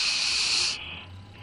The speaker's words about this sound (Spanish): ¿Qué es ese ruido? Ah, es que es el ventiladorcito chiquito que está aquí. Se mete por la bocina y se oye